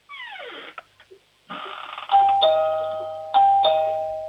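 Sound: doorbell ringing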